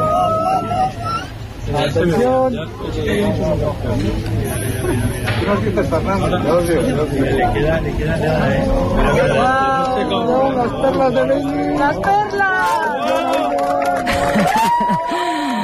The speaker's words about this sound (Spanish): Este era el momento. Así hemos despedido la totalidad en el observatorio de Lleves entre aplausos, lágrimas y abrazos.